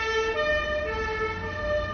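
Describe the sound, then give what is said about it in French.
A police van's siren wails steadily as it approaches, its tone holding over a low rumble of engine and street traffic, no voices present. “C'est un car de police.”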